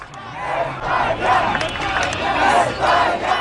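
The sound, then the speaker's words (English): A large crowd at Boston City Hall Plaza, watching Spain beat Argentina 1-0 in the World Cup final, cheers and shouts in a dense, continuous roar that swells and surges in repeated waves, loud throughout, with no single voice standing out. “It was a big day yesterday at Boston City Hall Plaza as a large crowd gathered to watch Spain beat Argentina 1-0 in the World Cup final.”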